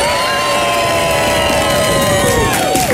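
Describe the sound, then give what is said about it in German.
A large crowd of children at a school in Bavaria cheers and screams loudly and steadily as the winning school of a Bavarian schools contest, high shrill voices whooping together in a sustained roar, with a few pitched shouts sliding down near the end. “also diesen Applaus haben sich alle Schulen in Bayern verdient”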